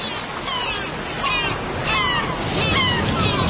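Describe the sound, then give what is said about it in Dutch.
Steady water sloshing and rushing on the open sea with no land in sight, a broad continuous wash that swells slightly in the middle and end, with faint higher tones drifting over it. “Van de diepe bossen naar de open zee.”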